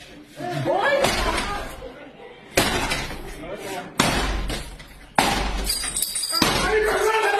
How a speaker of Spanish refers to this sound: En estas imágenes se observa un sujeto romper la puerta para entrar junto a otros encapuchados, fuertemente armados.